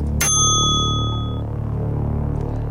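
A single bright bell ding rings out sharply, marking a correct answer in a word game, its clear metallic tone lingering and fading over about a second against a low background hum.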